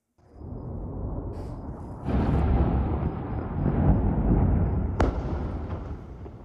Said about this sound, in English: There's been a series of explosions in southern Lebanon overnight.